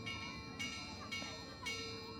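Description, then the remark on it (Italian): A church bell called the baudetta, in the Valle Maira, is struck rhythmically, alternating clapper and hammer, with about four evenly spaced clangs whose ringing tones overlap over faint background murmur, closing a commemorative walk. “Si partiva alla fine dell'estate, dopo la celebrazione della festa della Madonna della Natività di Maria, e in quell'occasione veniva suonata la baudetta, una campana che aveva un suono particolare, a martello.”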